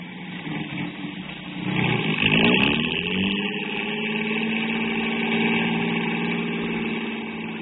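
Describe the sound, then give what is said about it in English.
A car engine starts up and settles into a steady, close idle, with a brief surge of revving early on before the low rumble holds evenly throughout. “Well, come on, let's get in the car.”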